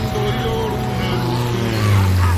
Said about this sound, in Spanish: ¿has visto una avioneta a estas horas? Qué raro por aquí.